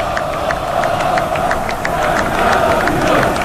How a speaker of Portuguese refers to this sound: Tá por ali o Gabigol, capitão do time, abanam pro torcedor, é essa salva de palmas aqui, ó.